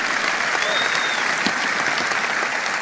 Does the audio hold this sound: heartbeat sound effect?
no